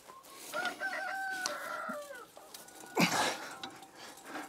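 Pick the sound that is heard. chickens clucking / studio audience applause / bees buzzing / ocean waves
chickens clucking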